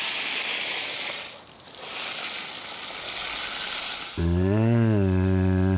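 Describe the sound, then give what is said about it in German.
Steady, hissing spray of water from a shower runs for several seconds, then a loud, wavering buzzy call abruptly cuts in over it near the end. “Lust auf eine Dusche oder eher wasserscheu heute Morgen?”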